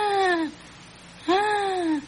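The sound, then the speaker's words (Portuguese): A voice imitates the wheezing (sibilo) of asthma, likened to a chirp: two moderately loud, whiny, whistle-like tones, a short one and then a longer one after a brief pause, each bending gently in pitch. “Como, por exemplo, o sibilo, que é um som parecido com esse, assim, ó. Como se fosse um piado.”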